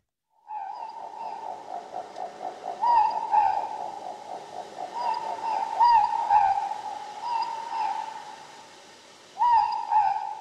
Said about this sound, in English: The Ruru, the Moorpork.